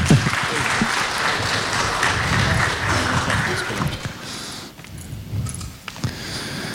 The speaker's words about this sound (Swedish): En stor applåd. Välkommen upp.